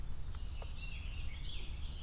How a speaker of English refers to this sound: Very happy birds just singing about how great it is this morning. Because there's no raptors about, there's no predators trying to eat them. You know, the kind of things that birds would be grateful about.